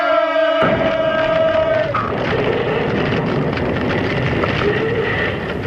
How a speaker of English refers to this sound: And when the people shouted with a great shout, the walls of Jericho fell down flat.